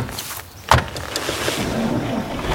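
A single solid thump of a car door shutting, followed by a steady low rustling and hum as people climb into the back of the car and settle inside. No one speaks.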